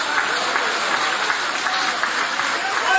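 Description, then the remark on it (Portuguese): A church audience applauds to praise God and glorify Jesus, a dense, continuous wash of many hands clapping at an even, fairly loud level throughout, with no individual claps standing out. “Isso, pode aplaudir, pode adorar, pode glorificar o Rei Jesus.”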